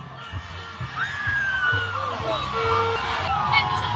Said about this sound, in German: Um genau zu sein, sind es 2 Busse, die hier direkt hintereinander vorbeifahren. Die Stimmung ist hier immer noch und jetzt erst recht ausgelassen. Die Feuerwehr von Nuke spritzt hier aus ihrem Auto jetzt Wasser auf die Busse.